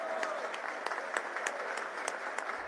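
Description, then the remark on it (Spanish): An audience applauds steadily in tribute to Colombia's National Registrar, Hernán Penagos, a dense wash of many hands clapping at an even level, with sharper individual claps standing out here and there throughout. “Un aplauso y todo mi respeto para usted.”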